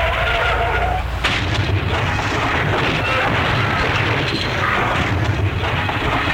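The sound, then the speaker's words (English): A loud, dense roar of a car skidding and crashing, with a sharp impact early on followed by sustained grinding, rumbling noise that fills the whole stretch without letting up. “Well, do you think I should offer him a bumper sticker for what's left of his car?”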